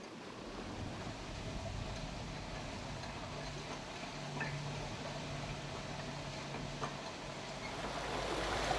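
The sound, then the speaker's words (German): Steady rushing water pours continuously out of a pond through a sluice structure called a monk, opened by the dam keeper turning it, a broad, even roar with a low rumble underneath and no voices, growing slightly louder toward the end. “Wasser fließt.”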